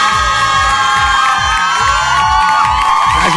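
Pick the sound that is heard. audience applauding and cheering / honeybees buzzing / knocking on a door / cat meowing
audience applauding and cheering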